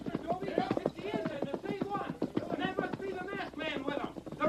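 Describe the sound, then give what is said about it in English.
Galloping hoofbeats of a posse's horses coming this way drum in a quick, steady rhythm, running under voices that carry on over them for the whole stretch. “Tonto, horses. That right. Tonto hear him, too. They come this way.”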